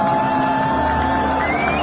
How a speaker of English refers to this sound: a young woman walks through the stands holding the flag wide open. The crowd seems to be cheering her on.